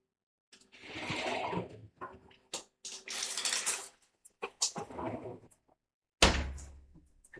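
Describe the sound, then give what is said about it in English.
A home shower turns on and water sprays in several uneven, hissing bursts, broken up by knocks and clunks, with a heavier thump and a final rush of spray near the end. “And that is my shower turning on.”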